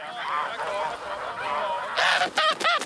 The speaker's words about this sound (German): Als wir dann losgegangen sind und die Gänse so ein bisschen getrieben hatten, ist schnell eine ganz zurückgefallen.